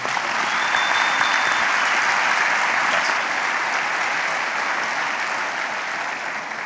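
An audience applauds steadily, a dense wash of many hands clapping at a constant loud level for several seconds, with no one speaking over it.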